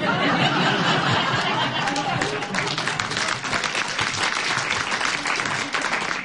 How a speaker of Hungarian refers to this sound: Bár őszintén szólva, a nagyobb hatás kedvéért időnként alákevertem egy kis tapsot.